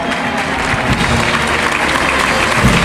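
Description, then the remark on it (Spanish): A large crowd in a bullring gives a sustained ovation, dense clapping and cheering that stays loud and steady throughout without pause, as the bullfighting community joins in celebrating a football world title. “Y envuelto en una gran ovación, la tauromaquia que se une en hermandad a la celebración del título mundial de fútbol.”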